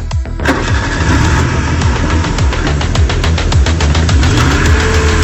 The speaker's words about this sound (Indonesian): Ayo, ayo hidup. Tolonglah, tolonglah. Hidup, hidup. Ya Tuhan, tolonglah kami. Hidupkan mesin mobil ini.